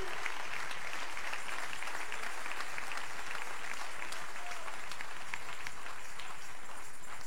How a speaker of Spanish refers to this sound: Dale ese aplauso al Rey en esta noche.